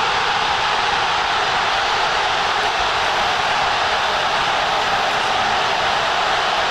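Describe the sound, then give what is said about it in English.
A huge stadium crowd roars in celebration, a dense, unbroken wall of cheering that stays loud and steady throughout, with no one talking over it. Ismail Sabari has just scored the decisive penalty for Morocco against the Netherlands in a World Cup penalty shootout. “All you hear is the crowd.”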